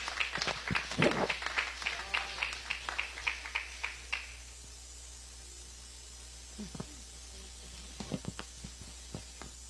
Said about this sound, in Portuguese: recebe a serva do Senhor com palmas de vitória.